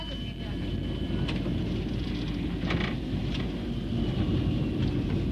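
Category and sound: vehicle, tram arriving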